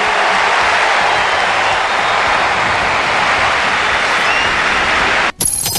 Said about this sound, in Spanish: La ovación y la emoción para Messi.